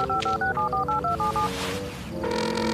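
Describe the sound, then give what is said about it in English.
A quick run of eight or so phone keypad dialing tones, each a short two-pitch beep in steady rhythm, as someone calls Officer Lewis of the Discovery Mountain Police Department, followed by a brief whoosh and a sustained line tone. “Come on now, Officer Lewis, pick up.”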